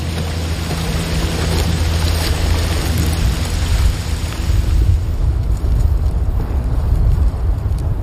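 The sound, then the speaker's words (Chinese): Steady, heavy rain pours down on wildlife habitat, home to a tigress and her cubs, in a dense, continuous hiss with a deep rumbling undertone, holding a constant loudness throughout and no voices present. “雌虎和孩子们也喜欢下雨，因为这可以冲淡它们的气味。”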